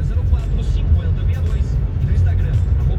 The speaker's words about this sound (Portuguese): Trânsito intenso nesse momento do Trevo de Chapecó.